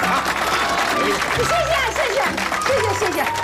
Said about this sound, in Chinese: 来，我们掌声欢迎二嫂讲两句。